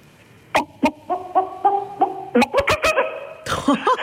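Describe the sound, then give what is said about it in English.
A person imitates a chicken with a run of rhythmic, nasal clucks that quicken into a fast burst of squawking bawks, loud with no talking over it. “Give me your best chicken impression when you're ready.”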